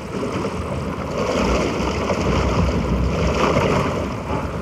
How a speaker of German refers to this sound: Sei still, sie spricht. Plätscher, plätscher, rausche, rausche.